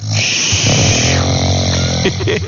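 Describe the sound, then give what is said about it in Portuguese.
A man snores loudly while asleep in his bedroom at 6:12 in the morning, a rough, rattling drone with a buzzing low tone that runs continuously without any talking. “Olha ele roncando, ó.”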